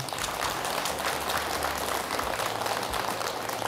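An audience applauds steadily at the close of a lecture, many hands clapping together in a dense, continuous patter that holds at an even level from start to finish, with no voices heard.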